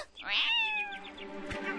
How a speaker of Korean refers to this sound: 엄마야! 무슨 일이지? 고양이다!